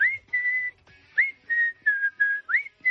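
A person whistles a melody in a run of clear, sustained notes with short gliding rises between them, close and fairly steady in loudness, with no talking.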